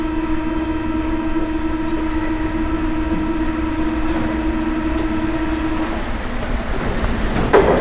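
A metro train rolls steadily along its rails, a loud continuous hum and rumble with a persistent whine, ending in a brief sharp clatter near the close.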